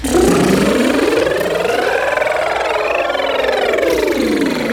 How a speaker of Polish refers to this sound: I idąc teraz tym tropem, robimy dokładnie to samo ćwiczenie na glisie od dołu do góry, ale utrzymując motorek. Dziewczyny, uwaga, jedziemy.